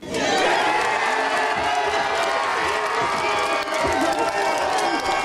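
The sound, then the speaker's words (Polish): A large crowd roars and cheers continuously at full volume, a dense wall of voices and whistles with scattered clapping mixed in, sustained without a break for several seconds, as tennis fans celebrate Maja Chwalińska winning her match. “Każdy zdobyty punkt, każdy zdobyty gem to ogromne brawa, które mam nadzieję, że było słychać w Paryżu.”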